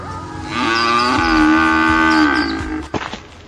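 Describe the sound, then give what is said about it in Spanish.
A single long, loud cow moo, drawn out for about two seconds with a rich harmonic tone, followed by a few faint knocks and rustles. No one speaks. “Entonces el esposo tuvo que vender la vaca en el matadero para cubrir los gastos del funeral.”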